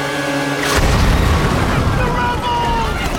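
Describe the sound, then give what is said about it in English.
A single loud explosion bursts in suddenly and then rolls on as a heavy, rumbling roar with debris-like crackle as a building above Katniss and Gale blows apart. A quieter tonal hum plays before the blast. “A building above them explodes.”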